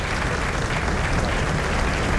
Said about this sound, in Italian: Si sta in questo momento avviando, ecco, sta salendo le scale per salire sulla tribuna delle autorità. E sentiamo ancora l'applauso scrosciante in sottofondo. L'applauso di tutta la tribuna.